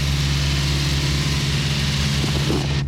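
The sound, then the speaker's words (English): A Bobcat zero turn mower engine runs at a steady idle, a loud, even low-pitched drone with a constant buzzing hum and no breaks for the whole clip. “When you're on a Bobcat Zero Turn mower, it's your time.”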